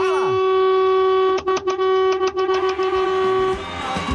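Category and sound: vehicle, many vehicle horns honking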